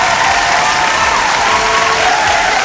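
Dense, steady applause from a crowd, loud and continuous throughout with no breaks, a broad wash of clapping hands filling the whole stretch.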